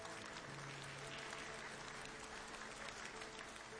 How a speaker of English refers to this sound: He says, all right, here's the first thing I need. I need you to clap softly. Come on.